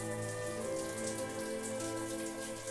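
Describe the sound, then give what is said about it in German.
Cool water pours and splashes steadily over Annabelle, an animal whose flippers are wetted with cold water to lower her body temperature of over 39 degrees. A continuous wet hiss with patter like rain, with a soft sustained musical hum underneath and no voices. “Das kühle Wasser soll ihre Temperatur von über 39 Grad reduzieren.”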